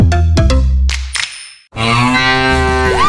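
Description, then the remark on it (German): A cow moos loudly, two long low bellows with rich harmonics separated by a brief pause, with no talking; the moo of a mooing Müllermilch milk drink. “Finde eine der letzten beiden muhenden Müllermilch”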